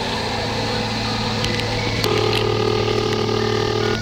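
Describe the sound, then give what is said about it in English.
A telephone rings once at the Institute for Rational Medical Therapy, a steady mid-pitched electronic tone lasting about two seconds, set over a constant low mechanical hum with no one speaking. “real close, you'll hear the phone ring at the Institute for Rational Medical Therapy.”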